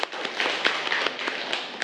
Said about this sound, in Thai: ขอตัวแทนหนึ่งคนใครผู้กล้าบางคนมองมาเลยมาเลยมาเลยตบมือเพื่อนหน่อยเร็วน่ารักมาก